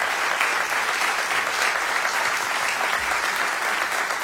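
A crowd applauds steadily for about four seconds, a dense, even wash of many hands clapping at a constant loud level with no voices standing out.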